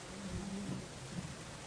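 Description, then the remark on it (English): Steady rain hisses outside, a soft, even wash of sound with no clear drops standing out, beneath a faint low hum. “Let me wrap up so you guys can go eat in the rain.”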